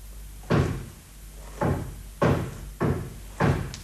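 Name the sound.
knocking on a door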